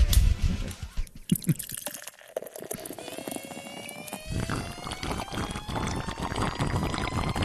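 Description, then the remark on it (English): Beer pours steadily into a glass with a splashy, bubbling rush, its ringing tone climbing in pitch as the glass fills over several seconds. No one speaks. “You get a glass, I give you a sip, man.”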